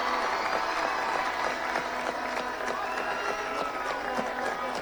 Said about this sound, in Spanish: Gracias por hacernos soñar, por defender con dignidad la albirroja y por llevar el nombre del Paraguay a lo más alto. Y pido un fuerte aplauso para todo este gran grupo que representó a nuestro país.